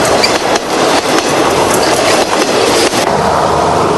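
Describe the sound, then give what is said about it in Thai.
A train rumbles steadily across a long bridge over a wide river in Hanoi, Vietnam. It is loud, with continuous wheel clatter and periodic metallic clanks from the rails and girders. The crossing takes several minutes, and no one speaks. “เป็นเวลาหลายนาทีกว่ารถไฟจะข้ามพ้นสะพานแห่งนี”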